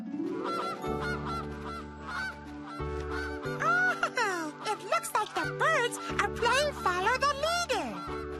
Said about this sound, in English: Those are Canada geese, and they're migrating for the winter. That means they're moving from one place to the other.